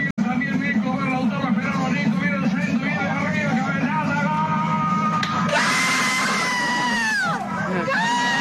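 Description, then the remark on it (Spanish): Passengers on a city bus, women among them, yell and whoop together in a loud, sustained burst of cheering for a goal, with shouting rising sharply partway through over the constant low rumble of the bus. “Las señoras gritan el gol.”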